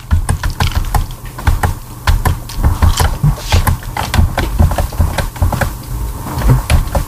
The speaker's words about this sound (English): I hear her keyboard. I think so. Yep. Okay, yep, we hear her.